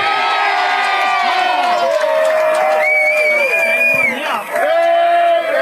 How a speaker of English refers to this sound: Yeah, well, he's kicked it, and the crowd are pretty happy with it. Probably a pro-Redcliffe crowd right in front of us anyway.